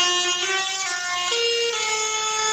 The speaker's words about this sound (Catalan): En aquest cas són els tractors que s'han fet sentir pels carrers de Lleida, tracturada convocada pels joves agricultors i ramaders de Catalunya, en concret contra l'augment dels preus dels carburants.